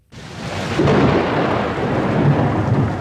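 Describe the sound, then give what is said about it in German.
A heavy thunderstorm in the mountains with steady pattering rain, a broad continuous roar starting abruptly and swelling with low rumbling thunder, loud, with no voices. “Wenn das Wetter in den Bergen umschlägt, kann es schnell gehen. Prasselnder Regen und starke Windböen sind dann keine Seltenheit.”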